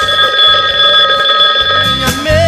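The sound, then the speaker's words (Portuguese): A telephone rings with a steady, bright electronic tone for about two seconds, loud, then breaks off into a brief jumble of other sounds. No one speaks. “Alô, você, também de telefone, já está. Telefone está liberado.”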